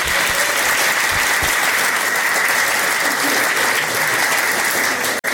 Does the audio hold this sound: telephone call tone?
no